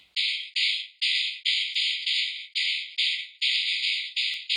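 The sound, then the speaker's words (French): A dried horse jawbone with a few teeth left, struck against the hand or the ground over and over, about eleven sharp hits in a steady rhythm, each one setting off a bright, buzzing rattle of the loose teeth that fades before the next strike. “Et en la frappant contre la main ou contre le sol, cela fait vibrer les dents encore en place sur la mâchoire, et cela nous offre un son, comment dire, qui claque.”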